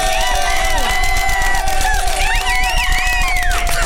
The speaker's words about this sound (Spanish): Bueno, Lagrimiti Costel, venga el aplauso.